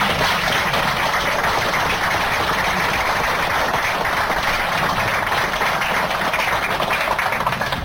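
An audience claps steadily for several seconds, a dense, even patter of many hands that stays fairly loud throughout, with no voices over it.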